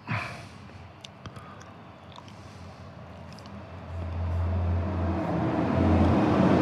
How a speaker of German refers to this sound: Nee, das sind Busse, das ist leider kein Signal. Das sind Busse, die vorbeifahren.